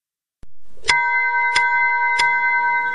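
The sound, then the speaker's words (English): A bell strikes three times at an even, unhurried pace, each bright metallic clang leaving clear ringing tones that hang on and overlap. No voices are heard. “All right, you heard that bell.”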